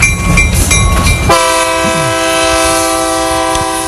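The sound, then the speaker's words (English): A train sound effect, used to signal a caller on the phone line, rumbles and clatters for about a second, then a loud, steady horn blast sounds and holds to the end, prominent with no talking. “If you hear the train, it means somebody's on the phone, on the junction phone.”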